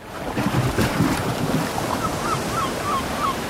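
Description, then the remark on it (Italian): Steady wash of sea waves breaking on a shore, a broad continuous roar with wind buffeting the microphone, and faint gull-like cries rising above the surf toward the end. “Lo senti? È il richiamo del mare.”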